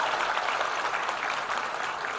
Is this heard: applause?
yes